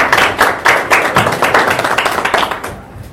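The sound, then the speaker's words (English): Audience applause at Aga Khan University as a professor is introduced to open an event: a crowd claps steadily for a few seconds, many overlapping hand claps forming a dense, bright patter that tapers off at the end. No one speaks. “let's put our hands together and introduce Professor Nancy Muka to tell us why we're here and start us. Please, applause.”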